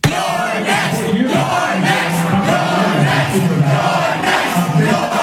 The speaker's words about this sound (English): That is the crowd of overwhelmingly young, white, high-income progressives chanting, "You're next," as Hakeem Jeffries comes on television.